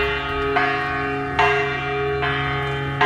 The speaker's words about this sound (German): Ja, ist erstmal eine Glocke, ne? Aber unten an der Glocke hängt die österreichische Künstlerin Florentina Holzinger dran.